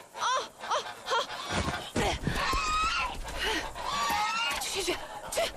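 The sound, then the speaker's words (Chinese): Geese honk repeatedly in a noisy jumble of harsh nasal calls as people shout and shoo them away, with scuffling movement in the background; someone is clutching a large goose. “喂，哎，走开走开了，走开走开，快点把大鹅扔出去了，别死抱着了。”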